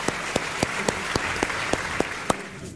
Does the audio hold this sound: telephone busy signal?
no